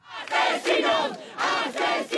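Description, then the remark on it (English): Protesters in Madrid, Spain, yell "Murderers" in loud, rhythmic bursts as police carry an evicted 87-year-old woman out of her home on a stretcher, their raised voices overlapping in a chant-like chorus with brief dips between cries. “Murderers, yell protesters in Spain's capital, Madrid, as police carry an 87-year-old woman out on a stretcher from her home of more than seven decades.”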